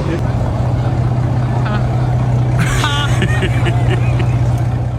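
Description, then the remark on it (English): An expensive hypercar's engine idles in Monte Carlo with a loud, steady low drone that never lets up, while people's voices briefly break in over it partway through. “Did y'all hear it? That car sounded like the hood up.”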